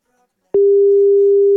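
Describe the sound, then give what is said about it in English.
After a brief silence, a loud, steady telephone tone begins as someone calls a person back, holding unbroken at a single clear pitch until the end. “Let me call him back, please.”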